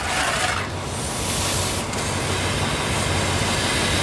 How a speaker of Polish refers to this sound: Spójrz na ten wagon za wielkim parowozem. Aha. Co to jest? Ja widzę dużo drewna i węgla. A ten pan, zobacz, o, nabiera na łopatę z tego wagonu z tyłu i wsypuje do pieca z przodu.